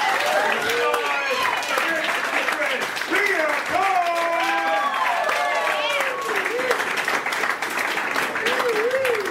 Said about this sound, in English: With me going right now, start clapping.